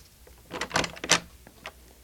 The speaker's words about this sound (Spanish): Esto es raro. ¿No contesta? Mejor será que abra la puerta y lo llame.